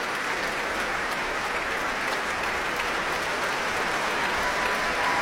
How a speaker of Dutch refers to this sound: Een staande ovatie voor Guy Brownstein. Een applaus ook van de musici van het Concertgebouworkest.